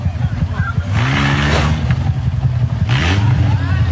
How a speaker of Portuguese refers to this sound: O motorista do carro vermelho briga com dois motociclistas. O carro é cercado, ele tenta acelerar e leva um soco de um dos motoqueiros.